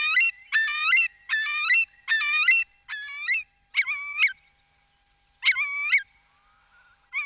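A Eurasian curlew, a wading bird, calls loud and clear: a quick run of repeated rich, fluty notes, a short pause, then two more calls, with no voices.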